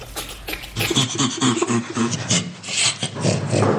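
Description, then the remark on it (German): Breathy, rhythmic panting laughter from great apes (bonobos, chimpanzees, gorillas or orangutans), a rapid series of rasping huffs repeating steadily with no one speaking. “So klingt das bei Bonobos, Schimpansen, Gorillas oder Orang-Utans.”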